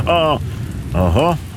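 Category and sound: nature, rain falling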